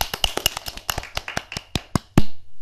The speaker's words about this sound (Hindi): बहुत अच्छा। तालियां हो जाएं।